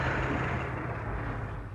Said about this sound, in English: Hello there. I heard your car coming up the drive.